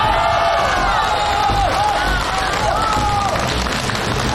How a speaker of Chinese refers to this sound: 大家用最热烈的掌声欢迎她。哎，掌声越热烈，你们中奖的几率就会越大，掌声。